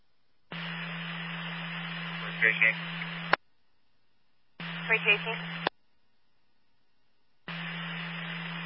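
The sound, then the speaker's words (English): Three bursts of harsh radio static as a channel keys open and cuts off, each with a steady low hum, and brief garbled voice fragments buried in the hiss. “Flash unit also on static.”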